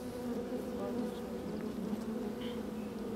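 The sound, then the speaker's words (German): A steady, dense hum of many honeybees buzzing together at the hive, a continuous drone with no voices, holding an even level throughout. “Im Sommer besteht ein Volk aus rund 40.000 Bienen. Jeden Tag schlüpfen hunderte neue Arbeiterinnen.”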